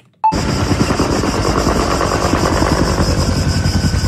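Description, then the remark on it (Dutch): A forest fire roars loudly and steadily, with dense crackling and rapid popping bursts running through a broad, constant rush, starting abruptly after a brief silence. “In weet ik veel over bosbranden. Dat klinkt blijkbaar zo.”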